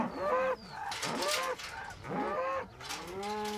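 Several mother cows, kept apart from their calves, moo loudly one after another on the island of Hiddensee, Germany, in long drawn-out calls with wavering harmonic tones that overlap. Brief pauses between them. No voices present.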